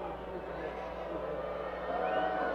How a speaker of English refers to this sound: You can hear the crowd, I'm sure.